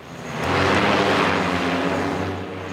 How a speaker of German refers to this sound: Ein Bundeswehrgelände auf dem stillgelegten Flughafen Berlin-Tegel. Eine Abfangdrohne steigt auf. Sie soll eine andere Drohne mit einem Netz einfangen.